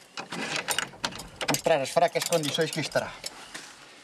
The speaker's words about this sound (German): Ich werde die Tür aufschließen, um zu gucken, wie heruntergekommen es ist.